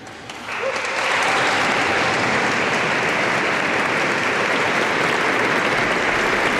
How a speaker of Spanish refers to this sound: Esos eran los voluntarios a los que escuchábamos esos gritos al entrar.